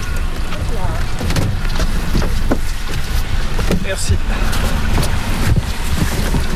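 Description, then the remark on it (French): A motorboat's engine rumbles steadily as boats set off across Lac d'Hourtin, one carrying glass eels to release into the lake and another with local fishermen following it, with wind buffeting the microphone and faint voices mixed into the constant noise. “Donc il y a deux bateaux, un bateau avec les civelles qui est en train de partir et nous on monte sur un autre bateau avec les pêcheurs locaux pour les suivre.”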